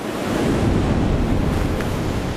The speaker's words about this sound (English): Powerful waves slam against the side of the rock.